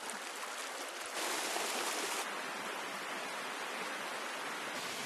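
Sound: flowing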